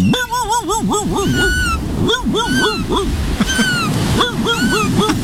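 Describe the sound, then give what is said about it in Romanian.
Gulls cry again and again in quick, wavering bursts, fairly loud, over a steady roar of ocean surf that fills the background throughout. “Nu, ce ești? Pescărușul.”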